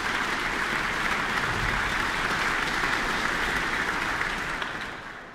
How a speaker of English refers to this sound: That applause for tonight's concertmaster Vesa Matti Leppänen.